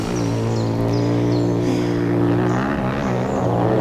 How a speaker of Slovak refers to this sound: A toto je pre Boha čo? No frasa, kde sa tu berú motorky? Hej, vy tam! Čo je to tu? Motocyklová rally?